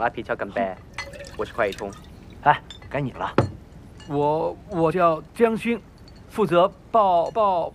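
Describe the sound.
Glasses clink in a quick scatter of bright taps while drinks are briefly poured to fill everyone's glasses at a shared meal, fairly loud, then voices take over and carry the rest of the scene.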